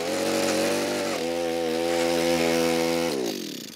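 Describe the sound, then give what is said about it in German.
A loud motorized drill roars steadily as it bores into hard ground while fence elements are being put up, its engine pitch dropping as it bites under load and then rising again near the end, with no voices. “Dann müssen wir da gleich ein bisschen bohren und buddeln.”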